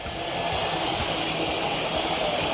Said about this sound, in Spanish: Una silbatina aguda, penetrante, que va calando sobre el cuerpo de esos jugadores.